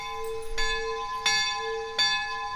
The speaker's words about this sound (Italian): Qui fuori abbiamo messo una campana dove si arriva al nostro monastero